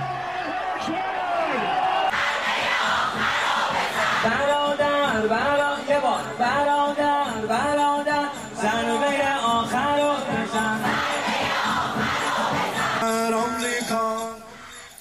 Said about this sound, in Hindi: देखिए उधर आसमान से मिसाइलें गुजर रही हैं और लोग सड़कों पर झंडा लेकर के नारेबाजी कर रहे हैं। मिडिल ईस्ट में हालात भले विस्फोटक हों, लेकिन ईरान की सड़कों पर लोग इस हमले के समर्थन में उतरे।